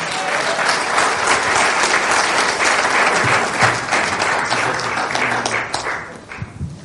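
A church audience breaks into sustained, dense applause to welcome a pastor, many hands clapping steadily at a loud level for several seconds before it begins to thin out, with a few faint voices mixed in.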